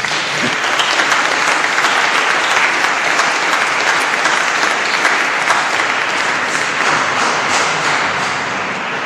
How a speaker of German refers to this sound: Danke, Maria. Applaus.